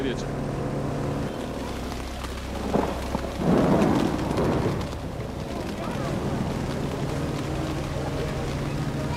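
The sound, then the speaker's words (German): Steady rain patters over a low engine-like hum on a boat carrying many children, broken by a brief rolling burst of thunder midway from an approaching thunderstorm that swells and fades after a few seconds. “Für die größeren Kinder ist das aufziehende Gewitter noch ein Spaß.”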